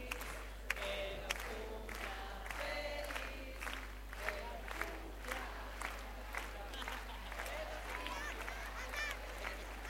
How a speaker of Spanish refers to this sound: Fuerte el aplauso.